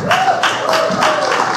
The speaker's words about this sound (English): And now can we have a round of applause for Virginia McDonald?